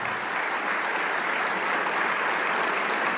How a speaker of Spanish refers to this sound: Y le damos un aplauso al Rey de Reyes.